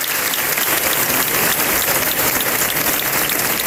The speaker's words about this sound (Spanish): Así se aplaudía el final de estos traslados en la mañana de ayer.